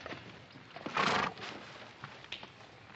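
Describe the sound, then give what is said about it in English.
A horse gives a short, loud whinny near the start, followed by a few scattered hoof clops, with no voices. “Oh, my horse lost a shoe ways back.”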